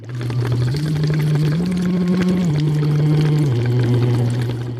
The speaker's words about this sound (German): von der deutschen Schule Malaga in Spanien singt blubbernd durch einen Plastikschlauch in eine mit Wasser gefüllte Flasche. Knapp eine Stunde vor seinem Auftritt bei Jugend musiziert in Regensburg.